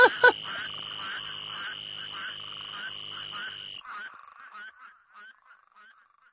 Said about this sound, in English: What I love about this track is that there is a little green toad who keeps interrupting all of the spade toads. And he's sort of saying, hey, guys, I have something to say. Move over.